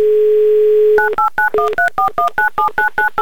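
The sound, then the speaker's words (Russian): A steady dial tone hums for about a second, then a rapid, even run of about eleven two-pitched touch-tone beeps as a phone number in Novokuznetsk, where it is evening, is keyed in for a call from the radio station Humor FM. “Набрали номер Раисы, звоним в Новокузнецк, где уже вечер”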